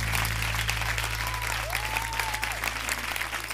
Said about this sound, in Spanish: fuerte el aplauso. Un honor para mí, señor ….